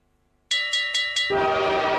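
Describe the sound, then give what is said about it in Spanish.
A train horn sounds in four quick, loud pulses, then gives way to a steady roar of the moving train with a held horn tone running underneath. No one speaks. “El tren de las ofertas de Tadicor ya llegó”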